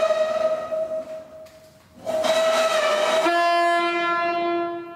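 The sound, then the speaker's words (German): A ship's horn sounded in the storage depot of the German Maritime Museum gives a loud, sustained blast with rich harmonic tones, swelling after a quieter opening tone and then dropping to a lower pitch as it holds steadily before trailing off. “Und das heißt sowas wie, Achtung, wir kommen und sieht zwar keiner, wir fahren vielleicht gerade in den Hafen ein.”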